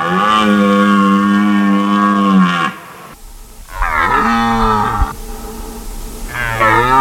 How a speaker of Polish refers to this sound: Niedźwiedzie, no nie ryczą o tej porze roku, raczej wypasają się, a teraz jelenie mają swoje gody i samce jelenia ryczy na rykowisku, przywołując samice i odganiając konkurencję. Czyli to nie niedźwiedź, tylko jeleń tak ryczy.